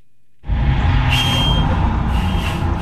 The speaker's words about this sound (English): Teachers, school staff, and families stepped off of buses and walked to the sprawling lawn behind the state legislature. They traveled all morning from as far as Asheville, Kannapolis, and Wilmington.